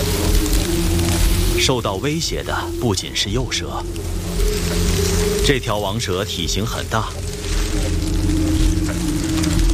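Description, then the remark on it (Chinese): A mother rattlesnake in Texas, USA, rattles her tail as a warning at an approaching king snake: a steady, dry, hissing buzz for the whole stretch, while a voice speaks over it in two short bursts. “响尾蛇妈妈的威慑奏效了。”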